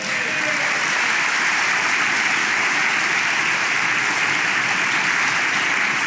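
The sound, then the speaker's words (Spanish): An audience bursts into sustained applause for the Lord during a Spanish-language church service, a dense, steady wash of many hands clapping at once, loud and even for the whole stretch with no voices breaking through. “¿Alguien puede dar un aplauso al Señor?”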